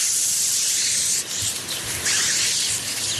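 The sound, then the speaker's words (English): A Canada goose hisses: a harsh, breathy, continuous rasp lasting about three seconds, loud and airy, with a couple of brief dips partway through and no voices. “A hissing Canada goose.”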